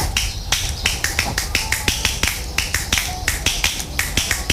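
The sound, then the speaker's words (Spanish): Sharp, crisp slaps of two fingers struck against a palm, repeated in a quick, steady rhythm with some doubled hits, fairly loud with no one talking. “Me gusta cuando se toca con dos. A ver, con dos más difícil.”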